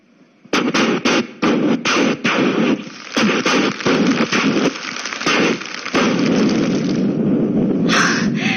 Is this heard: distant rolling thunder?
no